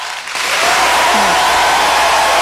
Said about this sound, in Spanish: Oye, felicitaciones, este aplauso por este hermoso pasillo y a la autora también.